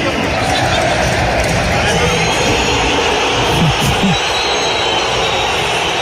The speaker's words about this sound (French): Ouais, pas du tout même, parce qu'il a été sifflé partout, tout le temps, pendant cette soirée au Metropolitano, à commencer par l'annonce des compos d'équipe. Écoutez la bronca envers Julian Alvarez.